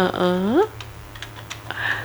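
A short vocal sound rises at the start, then a handful of light, scattered key clicks follow at an uneven pace, like someone typing on a keyboard at moderate volume.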